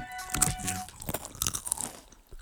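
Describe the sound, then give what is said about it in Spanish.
Crisp, crackly crunching of Sol brand snack chips being bitten and chewed on the Los 40 radio show, a quick series of bright, irregular bursts with no talking over them. “Si yo fuera en mi coche oyendo esto, me daría muchísima envidia. Ya los antojamos, ¿cierto, Brunchers?”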